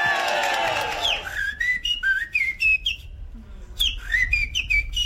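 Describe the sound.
A person whistles a blackbird's song at the Dutch national bird-whistling championship (NK Vogelfluiten) in Utrecht, the performance that won the Gouden Luisterbink 2026: a series of fluty, warbling phrases with rising and falling notes and brief gaps, preceded by a short burst of crowd noise.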